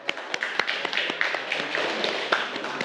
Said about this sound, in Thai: เก่งมากปรบมือให้เพื่อนหน่อย